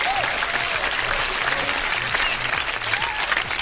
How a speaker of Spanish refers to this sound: Un aplauso para la gente que nos está escuchando en Suiza.